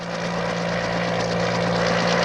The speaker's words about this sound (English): Helicopters and police cars.